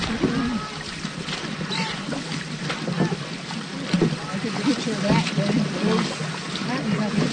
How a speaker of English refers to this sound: And on the third day, rowing against rain and a strong headwind, five dragon boats pull up to the dock in Appleton. 80 paddles rest.